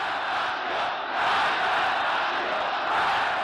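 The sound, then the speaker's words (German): A huge crowd of millions roars and cheers continuously in the streets of Tehran, sitting on trees and cars, as Khomeini arrives from Paris; a dense wall of shouting voices that swells slightly after the first second and stays loud throughout. “Millionen Menschen jubeln in den Straßen, sie sitzen auf Bäumen und Autos, um Khomeinis erste Rede zu hören.”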